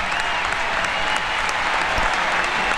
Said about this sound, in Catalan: atenció per Graham Hansen, dorsal número 10, és la primera substituïda, Graham Hansen en la final a casa seva, a la seva Oslo, a la seva Noruega, va créixer a 500 metres d'aquest estadi i així li torna la seva gent amb aquesta ovació.